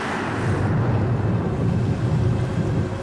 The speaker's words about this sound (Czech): Sevři kormidlo, mamane, žene se bouře. Bouře z čistého nebe? Co se to děje? Pozor, mamane, padá stěžeň. Ach, tu rozerval vichr. Tatínku, vlna nás zvedá vysoko k nebi.